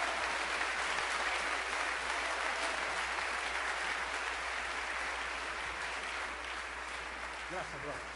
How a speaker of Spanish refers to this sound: Alábalo, dale un aplauso a Cristo, aleluya.